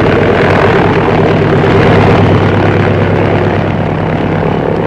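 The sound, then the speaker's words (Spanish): A small propeller plane takes off and climbs quickly away from the city of Tuxtla Gutiérrez, roaring loudly, its engine droning steadily with a dense, rattling buzz that holds at full power throughout. “la pequeña avioneta levantó el vuelo rápidamente.”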